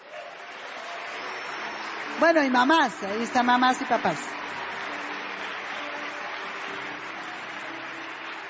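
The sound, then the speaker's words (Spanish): A steady wash of crowd applause for the parents, with a man's voice briefly speaking over it partway through before the clapping carries on alone. “Un aplauso por los papás.”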